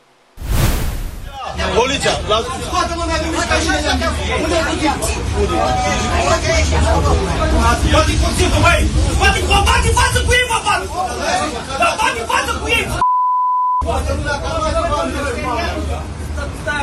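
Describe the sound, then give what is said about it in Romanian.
Loud, overlapping voices argue and shout inside a packed city bus in Galați during a conflict between four men, one threatening the others with a knife, with a steady engine rumble beneath the commotion; a brief beep cuts in near the end before the clamor resumes. “Scandal într-un autobuz din Galați plin cu călători.”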